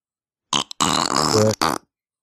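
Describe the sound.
A wet, sputtering raspberry blown through the lips, sounding like a fart, in a short burst followed by two quick bursts, loud with no talking.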